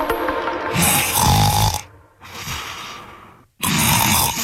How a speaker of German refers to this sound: Bei der Hitze können manche richtig schlecht schlafen und auch nicht so gut schnarchen wie sonst. Dabei ist heute ja der Tag des Schlafes.